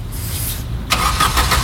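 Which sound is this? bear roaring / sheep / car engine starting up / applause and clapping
car engine starting up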